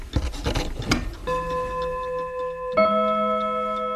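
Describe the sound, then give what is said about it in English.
An old clock, clicking after being moved, gives a few rough clicks and scrapes, then strikes two ringing chimes whose bright, sustained tones hang and slowly fade, with no talking. “See, now it's clicking because I moved it. It's ticking, but...”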